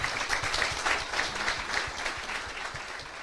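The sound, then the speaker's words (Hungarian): Steady applause from an audience at a free university lecture series, welcoming guest speaker Bishop János Székely of Szombathely, president of the Hungarian Catholic Bishops' Conference (MKPK). Many hands clap in a dense, continuous wash at moderate volume with no voices over it. “Székely János szombathelyi megyés püspök, az MKPK-nak az elnöke látogatott el hozzánk, egy nagy tapssal köszöntsük őt.”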